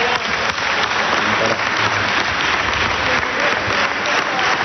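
Sustained applause from a large group fills the whole stretch, a dense, steady wash of clapping at an even loudness with no break and no clear single voice rising above it.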